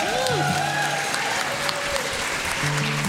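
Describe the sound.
Audience applause at the Reeves Theater fills the stretch, a dense steady wash of clapping with crowd noise, while tonal sustained sounds and faint voices drift in underneath.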